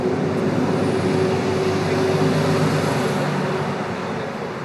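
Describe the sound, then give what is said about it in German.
Cars arriving at a busy gas station parking lot on a hot 32-degree day, their engines forming a steady, loud rumble with a faint tonal whine on top. The noise stays constant throughout and no one speaks. “Der Parkplatz ist eine große Herdplatte. Und ich warte schwitzend in der Mitte auf einer kleinen Insel im Schatten einer mickrigen Buche und beobachte die ankommenden Autos.”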